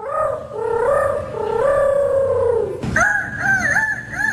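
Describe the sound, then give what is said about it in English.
A child in a youth rooster crowing contest at a fair imitates a rooster crowing: a long, loud, warbling drawn-out call, then a second, shorter, wavering crow right after. “Your grand champion 2026 youth rooster crowing champ.”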